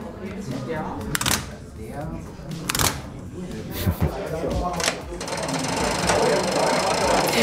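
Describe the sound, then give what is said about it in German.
Mechanical signal box levers being thrown to set the route for a train from Treben entering track 4, on a 7-metre-long interlocking frame with a green body: a series of heavy metallic clunks and ratcheting clatters, followed by a sustained mechanical rattling that runs to the end. “Ja, so klingt die Einfahrt eines Zuges von Treben auf Gleis 4, rein signaltechnisch.”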